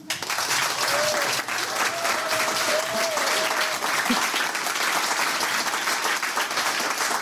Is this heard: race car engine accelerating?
no